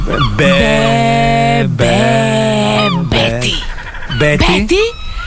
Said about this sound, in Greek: Καλέ, τι γλαροπούλια είναι αυτά που ακούγονται. Καλέ, τι γλάρι ακούγονται.